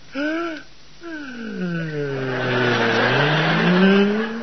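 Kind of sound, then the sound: vehicle, car engine sputtering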